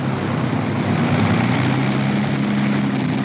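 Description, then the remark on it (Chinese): An Allied de Havilland propeller bomber of 1943: its engines drone steadily and loudly, a continuous throbbing hum with a low rumbling core that holds unchanged for the whole few seconds, with no voices. “在1943年，盟军只有一种飞机能够担此重任，那就是德哈维兰公司的文氏轰炸机。”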